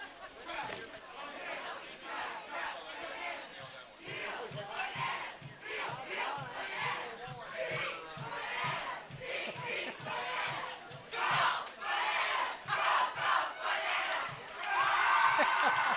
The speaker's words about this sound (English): The banana cheer.